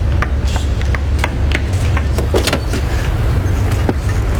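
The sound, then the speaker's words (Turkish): A just-started car engine idles steadily with a low, continuous rumble, overlaid by scattered brief clicks and rattles, with no voices. “Çalıştı şu arabayı.”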